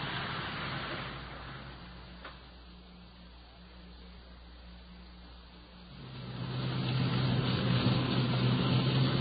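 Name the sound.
patrol car driving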